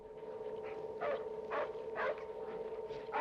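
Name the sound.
dog barking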